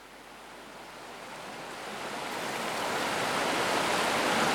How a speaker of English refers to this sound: a recording of him and his two children returning to a favourite spot on the Turkey River, throwing rocks, collecting splash sounds and a few other observations.